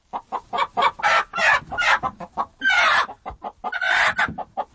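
A chicken clucks loudly in a rapid, uneven series of short bursts, broken by a few longer, harsher squawks, with no voices present.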